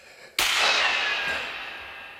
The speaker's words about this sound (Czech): Ty výstřely. To bylo po vás? Vypadá to tak. Kdo to byl? A odkud?